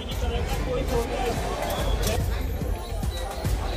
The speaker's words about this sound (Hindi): अब वायुसेना भवन के पास भी प्रदर्शनकारी वहां पर इकट्ठा है, जिसको लेकर बैरिकेडिंग भी की गई है और लोगों को वहां से आगे जाने से संसद की तरफ जाने से रोका जा रहा है।